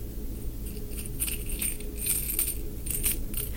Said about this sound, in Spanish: ¿Qué otro le recuerda? ¿Qué otras cosas le recuerdan las monedas esas? El sonido este de moneda.